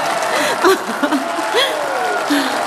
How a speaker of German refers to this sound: Es ist dein Applaus.